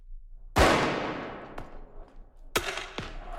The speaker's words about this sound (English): People en masse launched fireworks at officers who shot back with tear gas canisters.